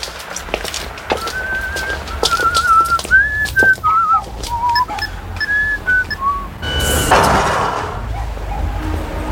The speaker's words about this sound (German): Dieses Lied, das dieser Typ gepfiffen hat, das war doch...